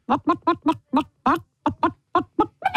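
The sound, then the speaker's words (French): A person imitates a rooster with a quick run of about a dozen short, throaty vocal bursts, loud, with brief gaps between them and no other sounds. “C'est un coq.”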